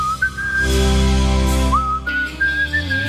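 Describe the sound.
Someone whistles a slow, wistful rock ballad melody, a clear single tone gliding and stepping between sustained notes, fairly loud over a low, steady background hum.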